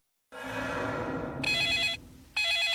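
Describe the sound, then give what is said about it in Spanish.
A telephone rings in two loud, bright electronic bursts separated by a short pause, following a low rumbling musical swell. “No contestes el teléfono, porque la próxima víctima podría ser tú.”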